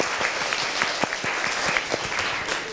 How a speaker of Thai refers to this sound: โอเคดีมากขอเสียงปรบมือให้กลุ่มที่1หน่อยค่ะ